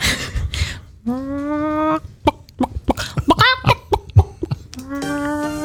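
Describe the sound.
A person on the Antenne Niedersachsen Moin Show radio program imitates a chicken with drawn-out squawks and a rapid run of short, choppy clucks, loud, with no talking underneath.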